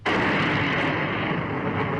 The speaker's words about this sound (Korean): 그 여인이 던진 수류탄이 몸발치에서 터졌다.